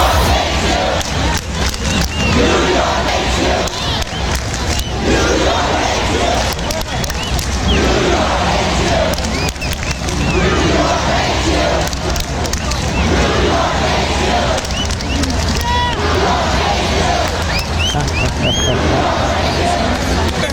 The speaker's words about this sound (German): Da stehen ungefähr 6.000, 7.000 Leute vor seinem Turm und schreien New York hates you und fuck with us und noch so einiges mehr.